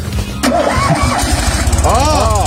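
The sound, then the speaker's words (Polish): A human voice mimics a car engine starting, presented as Polish engineers starting a prototype car: a sputtering, cranking rumble that catches into a steady rhythmic revving, loud, with rising and falling vocal whines near the end. “No dobrze, no to zróbmy tak, że tylko u nas nagranie z odpalania prototypu przez polskich inżynierów.”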